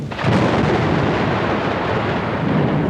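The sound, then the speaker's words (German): A heavy, continuous rumble of thunder swells in almost at once and rolls on without a break, loud, with a broad roaring texture and no voices. “Und es kann dann zur Kondensation kommen, beziehungsweise zur Wolkenbildung und dann auch zur Niederschlagsbildung und Gewittern.”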